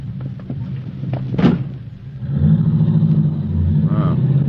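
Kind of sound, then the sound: vehicle, car driving off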